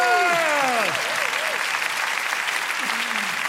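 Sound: audience clapping along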